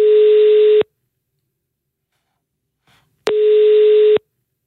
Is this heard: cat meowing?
no